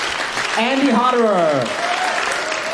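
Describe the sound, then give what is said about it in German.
Steady, dense audience applause at a WDR Big Band concert fills the whole clip, with a single voice briefly rising and falling over the clapping in the middle, like a cheer. “Applaus, vor allem aber die Interaktion mit dem Publikum, gehören für den gebürtigen Österreicher zum Musizieren einfach dazu.”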